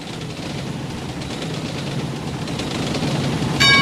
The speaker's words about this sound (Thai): ที่นี่สถานีรถไฟพัทลมท่านที่จะเดินทางไปกรุงเทพกรุณาตรวจดูสิ่งของสัมภาระของท่านให้เรียบร้อย